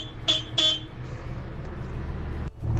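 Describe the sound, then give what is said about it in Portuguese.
A big truck's weak horn gives two quick, thin honks in succession, then falls silent while a steady low engine rumble carries on underneath, with no one speaking. “A buzina aqui é fraca, mas a máquina é grande.”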